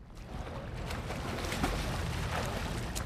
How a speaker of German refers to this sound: Ach, ist das herrlich hier auf dem Wasser in mein kleines Yummy-Boot.